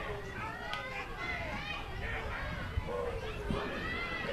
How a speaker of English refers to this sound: We got a lot of kids in the crowd today for this Wednesday matinee. A little bit unusual in Front Range League play.